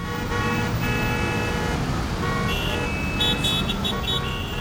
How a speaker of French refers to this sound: Je te l'avais dit, je le reconnais, c'est son moteur qui rugit.